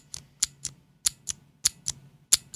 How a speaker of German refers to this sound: das kennen die meisten Leute, das sind die klassischen MX Blue von Cherry zum Beispiel. Mhm. Die scheppern so ein bisschen mehr, als dass sie klicken, aber auch, das tun sie nur beim Auslösen und nicht beim Loslassen.